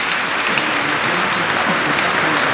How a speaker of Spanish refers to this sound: Levante la mano que se va a consagrar. 73, un aplauso a los que se van a consagrar.